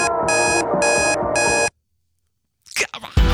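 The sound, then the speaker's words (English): Three loud, rhythmic bursts of an alarm clock's high electronic ringing play over busy background music, stop abruptly, and after a brief silence a voice begins speaking. “Now ignore the alarm, listen carefully for the music playing in the background, turn your radio, your phone, your telly, your smart speaker up nice and loud and tell me, what's the alarm?”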